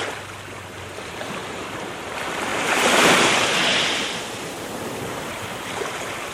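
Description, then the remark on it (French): Sea waves surge in a broad, hissing wash that swells to a peak around the middle and then recedes into steady roaring surf, fairly loud, with no voices. “Les vagues ont déjà submergé le nid.”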